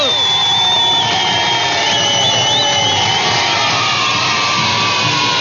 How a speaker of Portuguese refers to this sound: Palmas pra quem acertou, palmas pra quem participou.